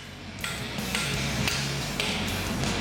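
A blacksmith's automatic power hammer pounds hot iron into shape in a steady series of heavy, ringing strikes, about two per second, over a constant low mechanical rumble. No one speaks.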